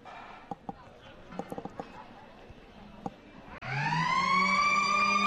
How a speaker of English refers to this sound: So there it is, the final siren.